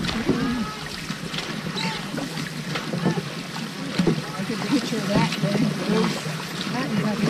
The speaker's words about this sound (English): And on the third day, rowing against rain and a strong headwind, five dragon boats pull up to the dock in Appleton. 80 paddles rest. They've traveled 40 kilometers, paddled hard for 18 hours.